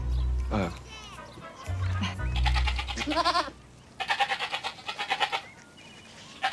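Several goats bleat in wavering, quavering calls as they are being fed on a nice day, some calls overlapping, followed by a quick run of short, choppy bleats over a low background rumble.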